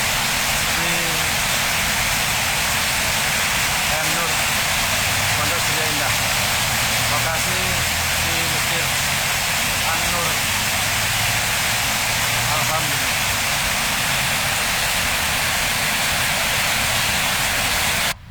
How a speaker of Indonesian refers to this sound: yang mengabarkan kalaupun kawasan PM Nur hujannya cukup lebat deras dan ada yang mandi hujan hari ini.